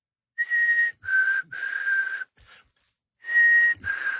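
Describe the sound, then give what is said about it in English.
A person whistles an imitation of a black-capped chickadee's call: clear pure tones, each higher note dropping to a slightly lower one, repeated in two phrases with a short pause between. No talking. “My favorite walking around Edmonton's River Valley is the little delightful black-capped chickadee, which goes...”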